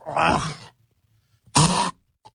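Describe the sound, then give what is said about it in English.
A person mimics hacking up a hairball: two loud, raspy gagging bursts, the first longer and the second shorter after a brief pause. “You think you're going to be coughing up a fur ball or something?”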